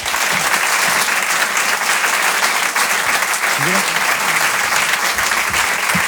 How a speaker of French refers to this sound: Rire et Chanson, Comedy Club. Je vous demande d'applaudir très fort Maxime Gasteuil.